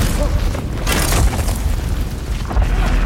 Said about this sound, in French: On a senti comme des grands coups de tonnerre. Qu'est-ce qui se passe? Le sol tremble, les lumières vacillent.